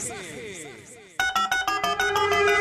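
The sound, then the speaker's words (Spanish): A voice is heard briefly, then a telephone starts ringing loudly, a bright electronic trill of quick, evenly spaced pulses that repeat steadily to the end. “Suena el teléfono”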